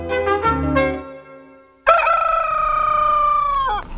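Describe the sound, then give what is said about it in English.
A rooster crows loudly, a few short rising notes followed by a long, sustained cock-a-doodle-doo that trails off at the end, with no talking. “It was about 4 o'clock next morning. Cockerels had begun to crow.”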